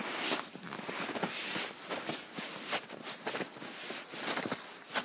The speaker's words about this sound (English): I'm walking in the woods in the birch forest around the cabin here in Thunder Mountain. Lots of snow, and that's it.